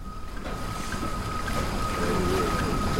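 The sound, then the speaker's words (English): A steady, dense rumble of a boat crowded with passengers bound for Goa, underway at sea, with engine drone and rushing water and wind noise holding at a constant loud level, plus a faint sustained tone above. “The next day we boarded a boat jammed with Indians bound for Goa.”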